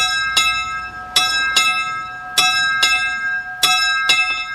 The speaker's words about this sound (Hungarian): Hogyan is szól, ha valakiért szól a lőrinci kis harang?